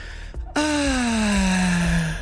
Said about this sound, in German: Die atmen auf. Deinen Pflanzen geht's gut zu Hause und ja, auf dem Balkon.